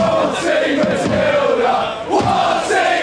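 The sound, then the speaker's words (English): A large, largely Australian crowd of sports fans watching a game chants and sings together in unison with drums, a loud, sustained wall of voices holding a melodic line, with a brief dip before the chant surges back. “But to pass the time, of course, a crowd chant's always good fun, and being in a largely Australian crowd to watch the game, they belted out some of the classics like this one.”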